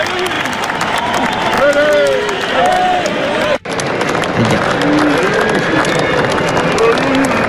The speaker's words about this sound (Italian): C'era un grande entusiasmo, degli applausi per qualcuno e poi è successo qualcosa.